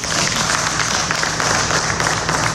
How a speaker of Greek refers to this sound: Συγγενείς και φίλοι χειροκροτούν τον ιατροδικαστή Χανίων την ώρα που αποχωρεί από το δικαστικό μέγαρο συνοδεία αστυνομικών.